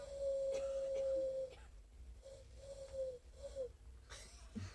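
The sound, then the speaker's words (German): Someone makes a long, strained, hoarse hooting sound with the voice, then several shorter wheezy hoots, imitating a hoarse little eagle-owl, with a faint breathy noise at the end. “Heiserner Uhu. Ein kleiner Uhu.”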